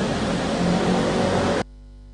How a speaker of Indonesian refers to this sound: Bersama saat ini di belakang saya, pada umumnya kondisi arus lalu lintas di kawasan ini terpantau adanya peningkatan volume kendaraan, memang lebih lengang juga dibandingkan dengan hari biasanya.